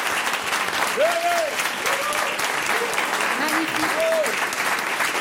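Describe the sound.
An audience applauds several men present in the hall for their courage and audacity, a steady, dense, even wash of clapping that never lets up for several seconds, with a few voices calling out briefly above it.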